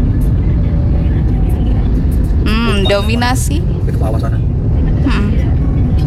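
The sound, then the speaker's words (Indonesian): Steady, dense road-traffic rumble of a queue of private four-wheeled cars and tour buses runs loud and unbroken throughout, with a man speaking briefly over it in the middle and again near the end. “Selain kendaraan pribadi roda 4, tadi juga ada beberapa bus ya, bus pariwisata kawan.”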